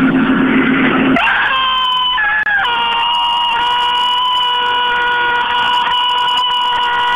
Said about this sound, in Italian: Ecco, finalmente avete sentito questo urlo di demonio incredibile. È uscito fuori dal suo corpo e adesso si è liberato.